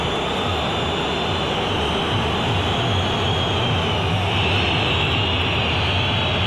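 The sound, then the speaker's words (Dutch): A stadium crowd of Lazio football fans whistles in a dense, continuous wall of shrill noise over a low roar, holding loud and steady and swelling slightly toward the end. “En dus fluiten de fans van Lazio.”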